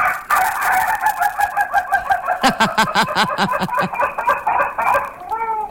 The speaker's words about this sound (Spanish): No, pues los gallos no se pueden quedar dormidos. Yo le presto uno aquí. Ah, y el gallo así estaba a esta hora.